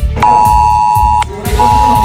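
A mobile phone emergency alert sounds in Valencia, Spain, during torrential rain and flooding. It blares a loud, steady electronic tone for about a second, pauses briefly, then starts again, over a low rumbling background.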